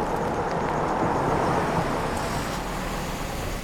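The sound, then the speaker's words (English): A car pulls to the side of the road with a steady engine and tire rumble that eases slightly toward the end as it slows to a stop, and a police car parks behind it. No voices. “Tree pulls to the side of the road and a police car parks behind her.”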